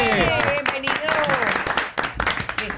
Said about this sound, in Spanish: Bueno, démosle un aplauso.